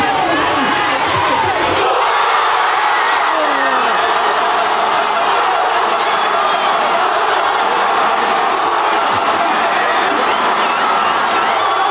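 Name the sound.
football fans celebrating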